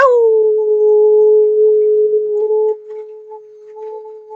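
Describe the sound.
A person gives one long, loud imitation of a wolf howl, a steady sustained tone held for about four seconds that wavers slightly and fades toward the end.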